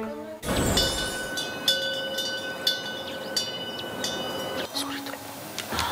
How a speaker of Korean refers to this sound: 이 풍경 소리가 진짜 이 감성을 완벽화시키는 것 같아.